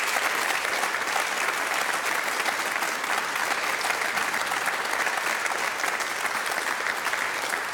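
An audience at the Eventkirche in Dortmund applauds steadily for the whole stretch, a dense, even wash of many hands clapping with no pauses and no voices standing out.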